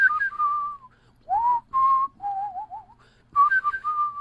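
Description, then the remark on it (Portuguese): A person whistles a melody alone in several short phrases, with clear sustained notes, gliding pitch changes and a wavering vibrato passage in the middle, at a steady, moderately loud level. “Ah, e foi a primeira canção que eu gravei de assovio.”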